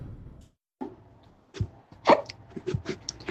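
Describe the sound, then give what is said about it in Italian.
A series of short, sharp hiccups coming in an irregular rhythm with brief gaps between them, with a few softer breathy sounds in between. “Il singhiozzo!”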